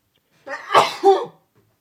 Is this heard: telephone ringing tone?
no